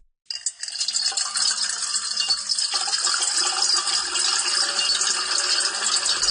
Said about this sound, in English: is soothing if we layer 7 tracks of water being poured into a metal bowl.